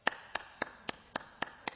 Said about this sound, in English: Well, if you hear this, this is what clapping sounds like in Africa.